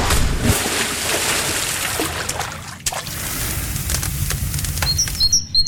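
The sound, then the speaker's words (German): About eight seconds of busy summer outdoor ambience with crickets, an open-air swimming pool and birdsong: a steady wash of splashing and crowd-like bustle, with bright birds chirping and tweeting throughout, clearest toward the end. “Das waren jetzt knapp 8 Sekunden Sommer für euch. Grillen, Freibad, Vogelzwitschern.”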